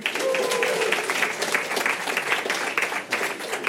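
An audience claps steadily for a few seconds to cast a vote, a dense wash of many hands at moderate loudness with a faint murmur of crowd voices mixed in.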